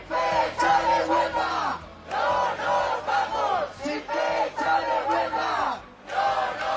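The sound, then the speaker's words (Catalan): A protest crowd at a union-called demonstration over access to housing chants and shouts in loud, rhythmic bursts, voices swelling together in repeated phrases with brief dips between them. “Ja ho sentiu, els sindicats convocants asseguren que el clam popular és unànim.”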